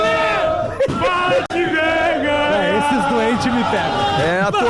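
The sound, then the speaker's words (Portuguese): Grêmio football fans at the arena, for the Grenal, cheer and chant together, a loud, unbroken wall of many voices with sustained, wavering sung tones rising and falling throughout. “É a torcida do Grêmio na arena, onde estamos com o nosso posto avançado para o Grenal”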